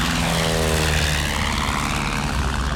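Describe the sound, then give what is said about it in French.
A propeller airplane engine roars steadily at full power for takeoff after a mechanic turns the propeller, the plane rolling down the runway and leaving the ground: a dense, loud drone with a low throbbing hum and a faint rising whine running through it, no voices. “Un mécanicien tourne l'hélice. La carlingue vibre.”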